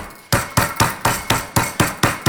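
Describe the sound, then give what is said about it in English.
A meat mallet pounds meat flat, as for schnitzel, in a quick, steady run of about nine loud, heavy thuds, each with a sharp slap and a brief ringing decay. No one talks. “So, with your meat mallet, if you don't have a meat mallet, you can use a wine bottle. Yep. We want to flatten like you would with schnitzel.”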